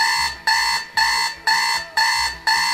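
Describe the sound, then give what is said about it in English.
A GE clock radio alarm beeps loudly and steadily, six harsh electronic bursts repeating about twice a second with brief gaps between them, no voices present. “That's a GE alarm. That's a GE clock radio. Alarm.”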